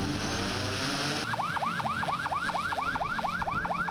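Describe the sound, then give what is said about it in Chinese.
Law enforcement boats sound their sirens as they set off from Xinghai Bay at the launch of a joint police, fisheries, maritime and coast guard crackdown on illegal fishing, a loud, rapid yelping wail repeating steadily over a rush of engine and water noise, starting after a second of rumble. “随着出发指令下达，执法船艇鸣笛起航，无人机升空巡查，执法车辆同步出动。”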